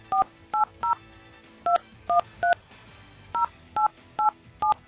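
Touch-tone beeps of a phone number being dialed to call the person with the neighboring phone number: ten short dual-tone presses in quick groups of three, three and four, loud, with faint room noise between.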